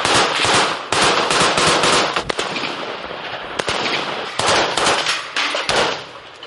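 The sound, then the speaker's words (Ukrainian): Loud, sustained bursts of rapid automatic gunfire from a mobile fire group shooting at an enemy drone, a dense crackle of shots that briefly pauses and then resumes. No voices are heard. “За день чергування тільки одна така вогнева група може використати понад 1000 набоїв.”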